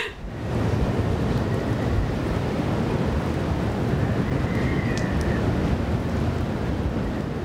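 Gale-force storm wind from the northwest roars loud without letup, gusting to hurricane force, a dense, rumbling rush that buffets the microphone throughout, with no voices.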